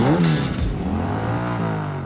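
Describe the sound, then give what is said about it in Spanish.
A motorcycle engine revs loudly, its pitch rising in a quick burst and then settling into a steady, throaty drone for about two seconds. “Pasajes todos los días, filas, espera, ¿y si con eso mismo pudieras pagar tu propia moto? La Yamaha Crux es económica y confiable.”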